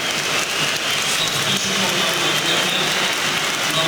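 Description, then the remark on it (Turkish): A large stadium crowd in Kadıköy applauds a North Macedonia player being substituted off in the 73rd minute of a football match, a dense, continuous wash of clapping that stays loud and even from start to finish, with a faint murmur of voices mixed into the crowd noise. “Kadıköy'de alkışlarla kenara geliyor Elif Elmas.”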